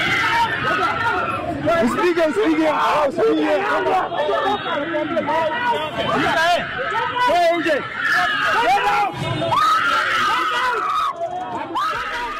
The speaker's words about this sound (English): Kenya was in shock after a viral video of a young woman allegedly involved in an accident with one of the Boda Boda riders on Wangari Maathai Road in Nairobi was violated by a crowd of the Boda Boda riders who followed her car, shouting, "Come out!"